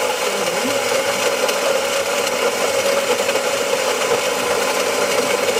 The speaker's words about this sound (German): Ich muss ganz ehrlich sagen, das kann alles Mögliche sein, aber Sie wissen es natürlich, es ist... die Kaffeemühle in einer Kaffeemaschine. So genau! Absolut richtig.